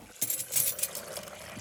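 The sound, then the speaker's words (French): A mother preparing breakfast: a few bright clinks of dishes or cutlery, then a soft steady pour of liquid into a cup, fairly quiet and with no voices. “Quand maman prépare le petit déjeuner.”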